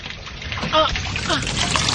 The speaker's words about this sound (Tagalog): Ay, hala! Ikalitog po ko ang tubig.